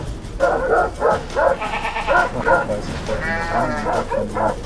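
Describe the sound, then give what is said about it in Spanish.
A woman shepherd's own herd of goats or sheep bleating, many loud, quavering calls overlapping one another in a steady, unbroken chorus that carries through the whole stretch. “Terrible ataque a una mujer pastora por su propio rebaño.”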